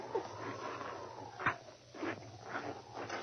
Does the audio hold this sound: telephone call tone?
no